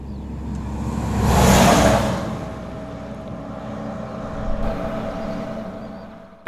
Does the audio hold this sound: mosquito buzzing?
no